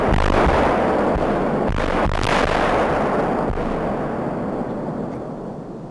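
A controlled bomb detonation, set off by remote ignition on the Mellenthiner Heide: a massive blast booms, then rolls on as a long, rumbling roar that slowly fades over several seconds. It is heard from about 300 meters away, with sharp cracks echoing inside the rumble.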